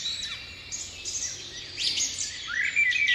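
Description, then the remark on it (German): Several birds chirp and sing continuously in bright, overlapping high-pitched calls and trills, moderately loud, with no voices present. “Da schwiegen die Vögel.”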